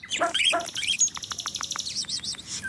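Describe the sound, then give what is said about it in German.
A starling mimics a dog's barking: a run of about eight short, evenly spaced bark-like notes, woven among quick high chirps and trills, clear with no one talking. “Oder sie bellen.”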